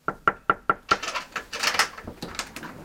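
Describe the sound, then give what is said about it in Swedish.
Five sharp, evenly spaced knocks rap on a door during political door-to-door campaigning in Värmland, Sweden, followed by a looser flurry of softer taps and rustling that fades toward the end. “De politiska partierna satsar mer än tidigare på dörrknackning som kampanjmetod.”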